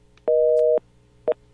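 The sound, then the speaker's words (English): A telephone busy signal on a dead radio call-in phone line after the lines were killed: a loud, steady electronic tone pulses on for half a second, goes silent, then starts again briefly, with no voices. “All right, phone lines have all been killed.”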